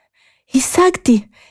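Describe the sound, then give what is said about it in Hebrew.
A voice imitates the heavy, out-of-breath panting of a story character running fast toward a wise man's cave: three quick, loud, breathy gasps in a row, with a faint hiss before and after. “באותו רגע קמה טגו ורצה במהירות לעבר מערת החכם, כשהיא מתנשמת ומתנשפת. טגו הגיעה קצרת נשימה למערה.”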